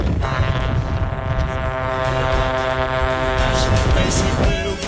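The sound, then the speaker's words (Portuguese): Several car horns blare together in a loud, sustained chorus, their steady overlapping tones holding without a break over a rumbling traffic background, as people honk for the Band radio station. “E a galera buzinando com tudo aqui na Band!”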